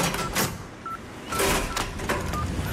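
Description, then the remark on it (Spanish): A phone number being dialed to make a call: a few short, separated keypad beeps at a moderate level over a rustling, noisy background, with no one speaking. “Voy a llamarle.”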